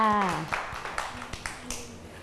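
A short burst of children clapping their hands, scattered and uneven, with a handful of light, sharp claps following a brief spoken voice at the start.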